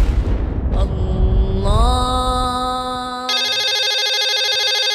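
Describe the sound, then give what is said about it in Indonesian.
A low rumbling noise gives way to a steady electronic tone that shifts upward, then a loud, rapidly warbling telephone ring takes over and continues, clear, with no talking. “Ketika kita mengangkat telepon, kita mengucapkan halo, yang berasal dari kata hello.”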